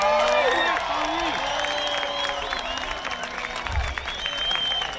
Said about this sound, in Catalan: També hi va haver ovacions espontànies com aquesta Cala Blanca a Menorca.